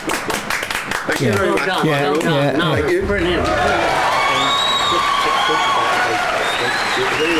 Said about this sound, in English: Anyway, I think everybody in here would want to give you a round of applause, baby. Yeah.